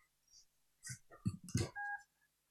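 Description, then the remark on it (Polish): A single short electronic beep, steady and fairly quiet, sounds near the end after a few soft bumps and rustles as a small electric grooming machine is stood upright on its charging pins, when it starts charging. “Ale będzie coś takiego, takie ciche piknięcie.”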